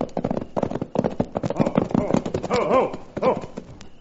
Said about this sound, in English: Then suddenly we heard the unmistakable sound of a horse racing toward us.